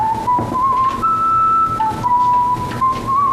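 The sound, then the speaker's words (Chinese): Someone whistles a tune out on a street on a cold day, clear, holding long notes that step up and down in pitch, over a steady hum of background noise with no talking. “这大冷天的在街上吹口哨，不有病吗？但你别说啊，吹的还挺好听。”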